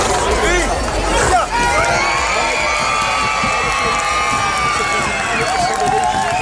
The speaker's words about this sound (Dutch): En het is de dag voor Prinsjesdag en dat betekent op het strand van Scheveningen veel geschreeuw.